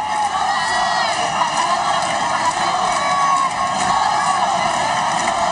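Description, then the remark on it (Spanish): A large crowd of residents in Ceuta, Spain, cheers and chants in favour of national sovereignty as King Felipe VI and Queen Letizia greet them at the barriers; a dense wall of overlapping voices with occasional higher shouts rising above the steady roar. “Más de 15 minutos han estado los reyes saludando y haciéndose fotos y hasta firmando autógrafos, un momento de júbilo y de ilusión en el que se han pronunciado cánticos en favor de la soberanía nacional.”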